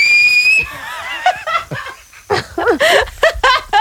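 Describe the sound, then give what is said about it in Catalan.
A loud, shrill two-finger whistle rings out for about half a second, then breaks off into a burst of laughter and excited voices. “No, jo amb els dos dits sí, molt fort. Veure, jo no puc fer la ràdio. No puc fer la ràdio. Home, va xiular, home, xiular.”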